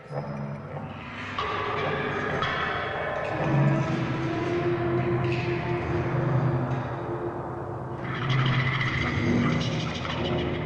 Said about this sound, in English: I thought that a microphone is a musical instrument, like a bow or like a percussion instrument, whatever you use. I use a huge Chinese gong with all kind of materials, rubber, wood, metal, glass.